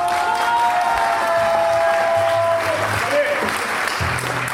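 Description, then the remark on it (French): An audience applauds steadily in answer to a question put to it by applause, a dense wash of clapping with some cheering mixed in, while a few voices and a sustained whistle-like tone sound through the crowd noise. “Par applaudissement, qui pense que la prochaine fois, ils vont encore nous la faire à l'envers ?”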